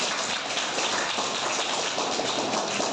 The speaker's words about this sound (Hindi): मोहित sir, मोहित sir के लिए ताली बजाओ।